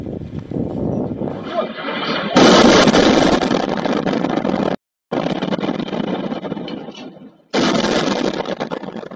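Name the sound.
explosion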